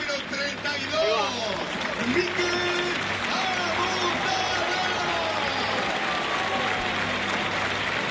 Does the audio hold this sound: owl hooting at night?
no